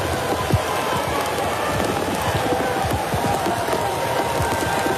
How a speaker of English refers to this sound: You don't see a game played much in Major League Baseball when it's raining this hard. This is unreal.